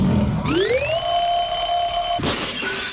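An electronic alarm clock tone sweeps upward and holds a loud, steady, buzzy pitch for about a second, then breaks off in a brief noisy burst before a lower tone resumes; its sound level is given as 80 decibels.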